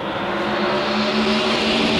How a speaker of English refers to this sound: The sweet sound of 9,000 RPM NASCAR engines.